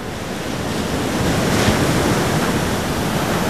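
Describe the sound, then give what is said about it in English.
Ocean waves wash steadily onto a beach under a cloudy sky, a continuous loud roar of surf with a slight swell in the middle, mixed with breezy wind noise and no voices. “On the beach, Charity faces the ocean, a glowing sliver of sky peeking out from a blanket of clouds.”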